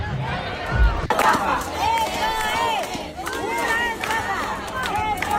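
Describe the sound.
A crowd of many voices shouts and jeers in overlapping, angry protest at the entrance doors of an event over disorganization at entry, crying "Estafa!" (scam), a steady loud roar of yelling with rising and falling cries throughout.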